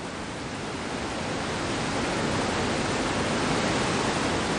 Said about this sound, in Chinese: 高山仰止之地，是雷奔入江的钱江源大瀑布。